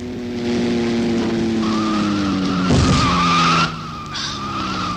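A car engine roars, then tires screech in a harsh, sustained skid lasting a couple of seconds before the noise cuts off abruptly.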